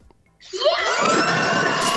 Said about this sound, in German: Leute, dann würde ich sagen, drückt nochmal euren drei Kandidaten richtig die Daumen. Schreit nochmal so laut ihr könnt.